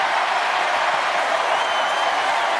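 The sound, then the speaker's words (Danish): Sustained audience applause for U.S. Vice President J.D. Vance on stage fills the whole stretch, a dense, steady, loud wash of many hands clapping at once with no speech on top. “Det får altså stort bifald, faldt i god jord hos publikum, kan man høre.”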